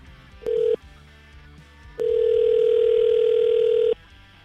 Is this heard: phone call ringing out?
yes